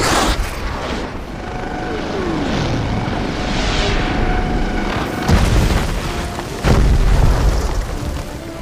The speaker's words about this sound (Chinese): 右前方上空直升机，歼灭。